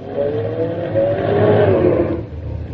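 A car engine revs loudly, its pitch rising and wavering as it labors through a slow parking maneuver between two cars during a driving test, then easing off to a lower idle near the end.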